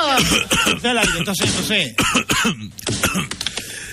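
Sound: cough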